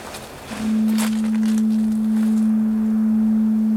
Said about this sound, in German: Das Nebelhorn.